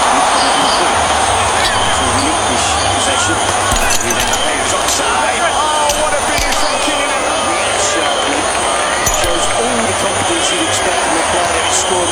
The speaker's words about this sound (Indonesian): Malam ini, layar menyala, pertandingan besar dimulai, suara-sorak tepuk tangan dan teriakan menyatu dalam suasana nonton bareng. Di satu sisi, ada yang bersorak gembira, di sisi lain ada yang menahan kecewa karena beda tim dukungan, itu biasa.